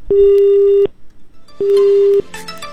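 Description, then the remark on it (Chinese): A telephone busy tone after a dropped call to a radio song-request phone-in: two long, steady, loud electronic beeps separated by a short pause, followed by a burst of faint line noise and clatter. “断线了，好的，没关系，我们继续来接听电话，有声茶馆留声机，就曲点唱。”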